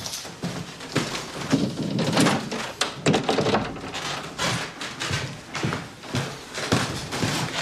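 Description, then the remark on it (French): A very narrow door leading on from a first office is opened in a place holding André Gide's archives, with wooden thunks and knocks followed by shuffling, scraping movement as someone squeezes through; no one speaks. “On peut continuer par cette porte très étroite.”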